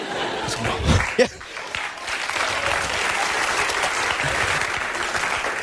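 Sustained applause from a large audience fills the room, a dense wash of clapping that runs steadily throughout, with a brief burst of louder noise near the start.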